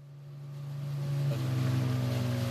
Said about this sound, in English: Coming ashore on a desert island. There is boat. You are now on the island.